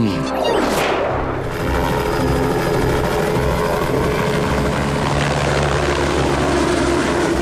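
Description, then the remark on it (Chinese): Loud, steady whirring buzz of a monitoring drone's propellers in flight, with a brief rising-and-falling sweep early on as it passes, then a constant high-pitched drone throughout. No voices. “有架无人机的信号消失了， 快调取另外几架无人机的监测画面，看看有没有拍到什么。”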